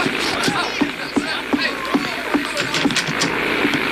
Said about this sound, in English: A plane. You know, one of them there contraptions that fly in the air. Yeah, but what kind of plane? How should I know? I can't tell one from another. Well, I can. I never heard that plane before.